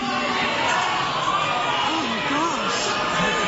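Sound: concert crowd booing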